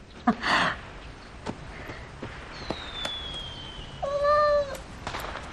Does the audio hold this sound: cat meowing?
yes